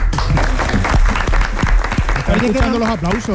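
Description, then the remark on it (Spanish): A studio audience at CIBE applauds during a recording in a dense, steady wash of many hands clapping, with voices talking over it, growing more prominent toward the end. “Estamos escuchando los aplausos, ¿no?”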